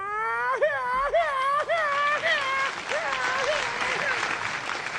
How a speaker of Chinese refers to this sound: 您别鼓掌了